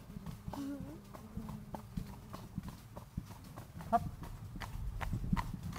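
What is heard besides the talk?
horse hooves walking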